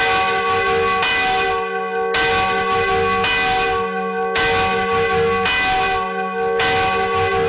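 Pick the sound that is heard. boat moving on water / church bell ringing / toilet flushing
church bell ringing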